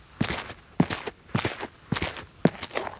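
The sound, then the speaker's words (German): Five evenly paced foley footsteps on asphalt scattered with coffee grounds for dirt, each step landing with a gritty scrape and crunch, no voices. “Man könnte zum Beispiel noch ein bisschen Kaffeepulver drauf machen für so ein bisschen Dreck.”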